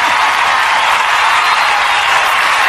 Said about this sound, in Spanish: Fuerte el aplauso para esta dama hermosa que nos acompaña.